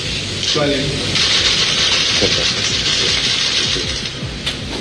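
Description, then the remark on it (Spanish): Sustained applause at a ministerial swearing-in ceremony, for Francisco Riveros after he is sworn in as minister of state: dense, steady clapping that holds at an even, fairly loud level for about five seconds, with faint voices murmuring underneath. “Hay un aplauso cerrado hacia la figura de Francisco Riveros, quien vuelve entonces a tomar asiento en la primera fila”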